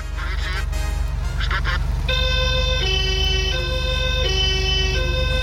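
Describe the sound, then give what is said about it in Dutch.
A loud police siren of a former Dutch state police (Rijkspolitie) Porsche alternates steadily between two tones in a hi-lo pattern, preceded by a few short, nasal honking bursts, with no one speaking. “Ik zei, oh, heb je het over die politie Porsche?”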